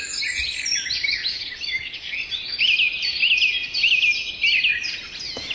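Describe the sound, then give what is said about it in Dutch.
A lively chorus of reed birds, meadow birds and many birds high in the trees singing at once, heard on an evening walk from a houseboat in Oudega, Friesland, with overlapping chirps, trills and repeated whistled phrases, steady throughout, with no voices. “Ingeborg belandde tijdens een avondwandeling vanuit woonboot Inske te Oudega, Friesland, in een geweldig vogelconcert van rietvogels, weidevogels en lekker hoog in de bomen allerlei vogels.”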